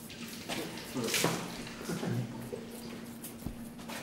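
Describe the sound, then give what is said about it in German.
Cold water runs steadily from a tap into a bucket, a continuous rushing splash with a few light clunks and knocks, set against a low background hum. “Ich brauche mal irgendwie einen Eimer mit ein bisschen Wasser, so viel Wasser drin oder so. Einfach kaltes Wasser, so wie es kommt.”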